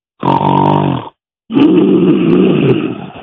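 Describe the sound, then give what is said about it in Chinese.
A performer imitates a man snoring heavily in his sleep: two loud, rasping snorts, the first a short rumbling drone and the second a longer, raspier exhale after a brief pause. “他呼噜打的重啊，他正在那做美梦，眼皮子蹦，腮帮子动，嘴往地下蹭。”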